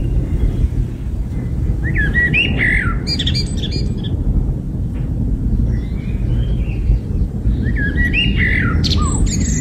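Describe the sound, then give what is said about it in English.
A bird sings in several bursts of bright, warbling, tune-like phrases over a constant low rumble of wind or traffic. No one speaks. “Listen to this bird singing.”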